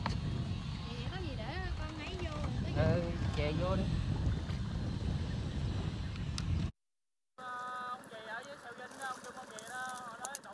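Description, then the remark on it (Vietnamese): A fishing motorboat's engine rumbles steadily as it docks at a small fishing wharf in a seaside village, with many voices of people buying and selling, chattering and laughing over it, then a brief cut before the bustling crowd noise resumes. “Bến cá nhỏ bỗng vang lên tiếng ghe máy, tiếng người mua bán và cả tiếng cười nói rộn rã của xóm biển.”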